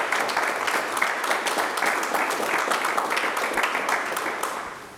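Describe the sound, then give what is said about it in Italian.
A crowd applauds steadily for about five seconds, a dense, even wash of many hands clapping at a fairly loud, constant level that fades slightly at the very end. “Un applauso questo.”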